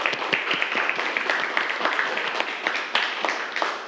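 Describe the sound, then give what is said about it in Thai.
A class of students claps for a classmate who correctly answered a question about resting heart rate, a dense, steady patter of many hands lasting several seconds at a fairly even loudness, with faint voices mixed in. “60ถึง100ครั้งต่อนาทีครับ ถูกต้องครับนักเรียนปรบมือเพื่อนครับ”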